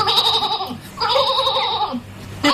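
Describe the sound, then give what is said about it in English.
An old sheep bleats loudly, two long quavering calls with a short pause between, then a third bleat starts just as it ends. No one speaks. “He raves on, this old sheep, he don't want to stop.”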